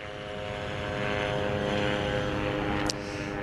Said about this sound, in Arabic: رنين طائرات الاستطلاع بكل أنواعها، وهي طائرات مسيرة إسرائيلية تحلق في أجواء في قطاع غزة بشكل مكثف وعلى ارتفاعات منخفضة جدا. هي بشكل يومي وبشكل مكثف لا تفارق أجواء قطاع غزة وتحديدا مدينة غزة وتكون على ارتفاعات منخفضة